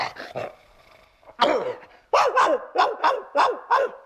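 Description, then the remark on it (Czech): A dog barks loudly at the door of a flat, one sharp bark followed by a quick, steady run of about six more, with no talking. “Provinilý je u dveří bytu zmasakrován psím štěkotem a my pro ten štěkot už máme odborný název.”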